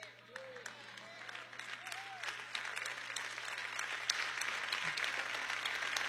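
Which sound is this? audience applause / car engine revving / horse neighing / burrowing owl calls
audience applause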